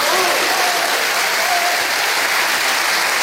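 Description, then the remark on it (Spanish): A thunderous ovation for national football coach Luis de la Fuente after his speech as herald of the La Vega festivities: dense, sustained applause from a large audience, loud and steady throughout with a broad hiss of many clapping hands and faint crowd voices mixed in. “Ovación atronadora para Luis de la Fuente, pregonero de las fiestas de La Vega.”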